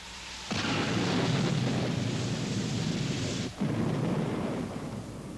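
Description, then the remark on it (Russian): Loud, continuous rolling thunder rumbles through a storm after a brief quiet start, with a momentary lull partway before the deep roar surges again and carries on. “Я же говорил, что гроза нам поможет.”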